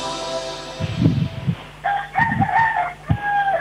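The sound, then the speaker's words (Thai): A rooster next to a house in Nong Khai, Thailand, crows loudly, a long, strained cock-a-doodle-doo that rises and holds before breaking off, with a few low thumps and rustles underneath and no one speaking. “เปิดด้วยเสียงไก่ขันมาเลย”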